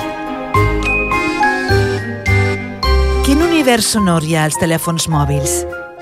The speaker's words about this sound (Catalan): Estem escoltant la música que vas posar a una aplicació de mòbil, concretament a un joc que es diu Babel Witch.